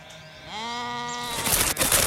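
A single female sheep that will soon give birth gives a long, wavering, nasal bleat lasting under a second, followed by a burst of rustling, hissy noise with no talking.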